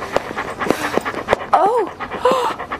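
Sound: dog panting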